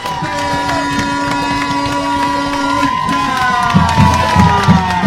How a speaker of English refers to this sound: Crowd getting loud here at the ship.